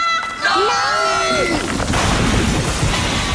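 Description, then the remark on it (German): A radio topples over: a wavering, voice-like wail slides downward, then a loud, noisy crash and clatter bursts in and rumbles on for about two seconds. “Noch so eine blöde Bemerkung und ich lass mich einfach umfallen.”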